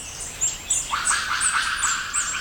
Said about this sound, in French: J'entends un cri aigu qui semble se déplacer au-dessus de ma tête. Un oiseau ? Ah, je n'ai pas l'impression que cette bestiole vole, mais plutôt qu'elle se déplace dans les arbres. Avec ses petits cris aigus, ça ne peut être qu'un singe.